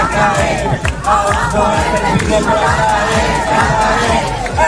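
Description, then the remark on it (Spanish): Tens of thousands of protesters in the streets of Spanish cities on a Saturday, demanding affordable housing and denouncing the rental market, roar and chant together in a dense, continuous wall of voices, steady and loud throughout with rhythmic shouted bursts rising above the din. “Es el de decenas de miles de personas que han vuelto a salir este sábado a las calles de distintas ciudades españolas para reclamar el derecho a una vivienda accesible y denunciar la situación del mercado del alquiler.”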